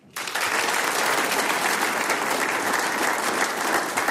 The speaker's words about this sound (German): Und die …, die sechs Herren, kriegen natürlich auch noch einen großen Applaus.